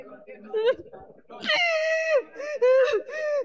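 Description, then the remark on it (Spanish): A person wails and screams in loud, drawn-out, high-pitched cries during a deliverance at a Pentecostal church in Olmos: a shorter moan first, then several sustained anguished howls that waver and break in quick succession. “sal gritando. Oyente de la radio, no se asuste.”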